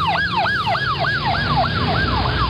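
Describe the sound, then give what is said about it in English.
A police car siren wails in a fast, repeating yelp, each rising-and-falling sweep coming roughly three times a second, loud and steady over a low rumble of traffic. “The cops are on their way.”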